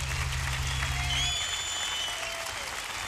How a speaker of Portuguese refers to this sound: Palmas